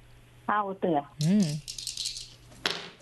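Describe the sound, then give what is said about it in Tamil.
A short spoken exclamation, then dice rattle and clatter for about a second, fairly loud, ending with a final sharp knock, as dice are rolled for a game of thayam on the Pothigai Thumbi game show. “தாயம் உருட்டிடலாமா?”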